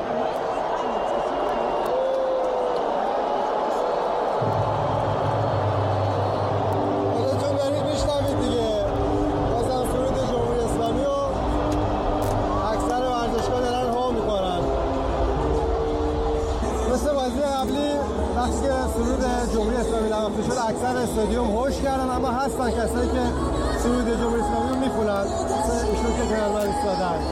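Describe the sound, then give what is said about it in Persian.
A huge stadium crowd, including opponents of the Islamic Republic, boos and jeers continuously while the Islamic Republic of Iran's anthem plays before a football match against Belgium, the dense roar of thousands of voices filling the space loudly from start to finish. “بازیکنان رو هم حسابی تشویق کردن، اما باز هم سرود جمهوری اسلامی رو هو کردن.”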